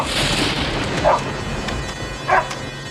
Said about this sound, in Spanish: Querido Dios, por favor, mantén a este perro alejado de mí. Bruno, El perro de los Ramírez, conocido en los alrededores como uno de los mejores perros guardianes, mantenía sus ojos fijos en Juan mientras éste se acercaba. Gruñía, ladraba